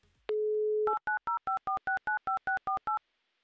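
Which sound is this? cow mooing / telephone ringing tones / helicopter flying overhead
telephone ringing tones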